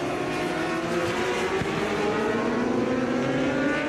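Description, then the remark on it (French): A high-revving Superstock racing motorcycle, number 52, leading the Superstock category and ridden by Tsutsuta Nakashima in a 24-hour race, screams steadily and loudly, its pitch rising slightly as it passes, with no voices. “Allez, la 52 en action actuellement. Cette moto qui est en tête de la catégorie Superstock, pilotée par Tsutsuta Nakashima.”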